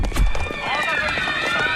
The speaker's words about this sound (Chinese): 哟，这人们都在往楼下跑啊，是不是着火了？